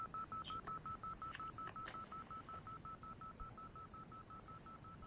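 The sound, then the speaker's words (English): A rapid, steady train of short electronic telephone keypad beeps repeats for several seconds, clear, with a few faint clicks and handling noises and no one speaking, as someone switches phones during a call. “Hold on, let me switch phones.”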